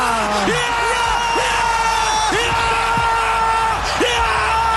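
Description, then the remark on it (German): Loud, continuous crowd roaring and yelling after a penalty goal puts Switzerland into the quarter-final, with many overlapping shouts and whoops rising over a dense wall of cheering that never lets up. “Es ist einfach zu schön, um nicht nochmal schwelgen drin in diesen Jubeltönen.”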